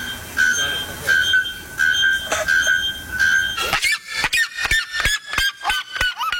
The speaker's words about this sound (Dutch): De Volkskrant schrijft vandaag over 2 vogels... die kans maken op de titel luidste vogel ter wereld. Het gaat om de naaktkeelklokvogel en de kuifsirima uit Brazilië.